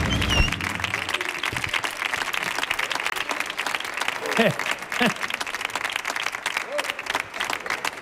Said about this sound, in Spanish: señoras y señores, otro aplauso más, que siga muchas el aplauso.